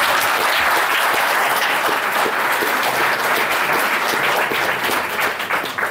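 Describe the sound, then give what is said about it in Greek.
Sustained applause from an audience for the woman who edited a book, a dense, steady clatter of many hands clapping at once, loud and continuous from start to finish with no voices rising above it. “Και θέλω πάλι να την χειροκροτήσετε παρακαλώ.”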